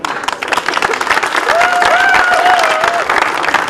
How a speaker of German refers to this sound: Und nochmal für Sie einen herzlichen Applaus.